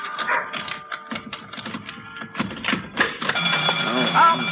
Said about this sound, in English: Oh, I always forget that burglar alarm. Here, let me get my other key and turn that thing off.